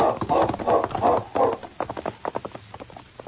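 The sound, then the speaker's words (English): Horse hooves clip-clop in a steady rhythm, the hoofbeats growing sharper and more distinct as the horses keep walking, ridden along the waterfront in Selkirk. No voices are heard. “Bill and Joe rode along the waterfront until they came to a cheap hotel.”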